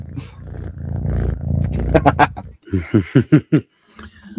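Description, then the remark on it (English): A cat named Fulton purrs with a low, steady rumble, which then breaks into a run of short, throaty pulses before fading out. “Purr for them.”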